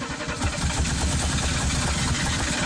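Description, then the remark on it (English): A car engine struggles to start, churning with a loud, steady low rumble for a few seconds, with no voices. “With a car that takes a minute to start.”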